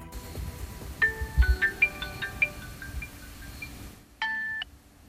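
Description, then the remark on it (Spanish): A flurry of overlapping electronic notification beeps from mobile phones, short tonal chirps piling up quickly over about three seconds, then a brief pause and one more sustained chime. “Un momento, hay móviles que no paran de sonar y muchas veces el motivo está en los grupos de WhatsApp.”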